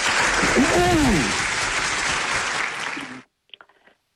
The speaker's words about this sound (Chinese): 好嘞，掌声有请。